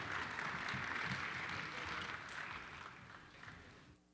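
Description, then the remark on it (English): A church audience applauds its band, clapping steadily in a dense, even patter of many hands, holding strong for a few seconds before thinning out and fading away at the end. “A big round of applause for our band.”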